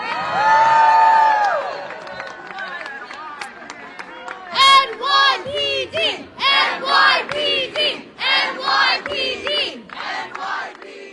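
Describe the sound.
A large crowd at a peaceful protest cheers and shouts together, thanking and applauding the New York Police Department officers present, starting with a sustained loud yell, then breaking into rhythmic, chant-like bursts of voices that rise and fall about once a second.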